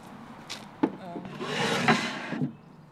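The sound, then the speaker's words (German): A wooden crossboard serving as a drawer slides into place with a dry, scraping rub lasting about a second, framed by a few light knocks of wood on wood at the start and end. “Ein Querbrett als Schublade fehlt noch.”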